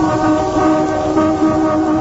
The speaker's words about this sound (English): Get out of the car, darling. Just sound the hooter. No point in both of you getting wet.